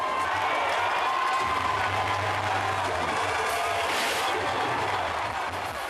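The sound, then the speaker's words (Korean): A large baseball crowd cheers steadily throughout as the home team goes three runs further ahead and water jets burst like celebratory fireworks, a dense, continuous roar of many voices with occasional louder swells and shouts, sustained at a high level for the whole stretch. “축포처럼 터져나오는 물줄기에 너나 할 것 없이 환호를 보냅니다.”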